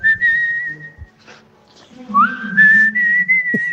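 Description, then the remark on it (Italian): A singer whistles a clear melody, holding steady notes, pausing briefly, then sliding upward into a sustained phrase, with faint low background rumble underneath. “Ecco, vedi? Questo fischia bene.”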